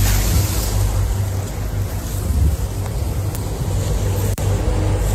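A river ferry pushes steadily through water on the River Thames in London on a cloudy morning, with a constant low engine rumble, rushing wash and gusty wind buffeting the microphone. No one speaks.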